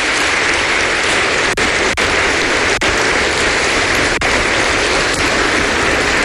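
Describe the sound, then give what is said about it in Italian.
Sustained audience applause for a youth orchestra, a dense, steady wash of many hands clapping at an even loudness throughout, with no voices over it. “Facciamo un applauso anche a questa orchestra.”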